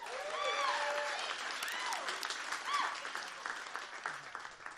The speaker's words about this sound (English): Let's get a round of applause for her.